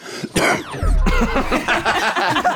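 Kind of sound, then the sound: human body sound, cough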